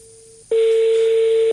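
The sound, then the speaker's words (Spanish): A steady electronic telephone tone hums faintly, then jumps to a loud, unbroken beep for about a second before cutting off abruptly. No one speaks. “Pero esto no es timbre de celular, ¿no?”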